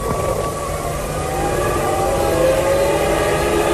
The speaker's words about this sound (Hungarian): És már szólnak a dudák, már szólnak a dudák. A pálya környékén sok tízezer német és olasz szurkoló, akik szeretnék látni, hogy Michael Schumacher győzedelmeskedik ezen a versenyen.